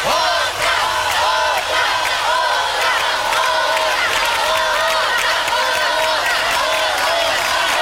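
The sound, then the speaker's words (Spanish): A large concert crowd chants the Mexican encore shout "¡Otra!" over and over, asking for another song. Many voices shout together in a loud, steady rhythm that carries on without a break. “Si ustedes realmente quieren oír otro canto, mientras me tomo un poquito de agua, quisiera escuchar esta frase bien común que dice... ¡Otra!”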